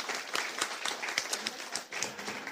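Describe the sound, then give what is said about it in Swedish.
A crowd applauds steadily, many hands clapping in a dense, continuous patter at moderate volume, with a few sharper individual claps standing out. “En applåd till er också.”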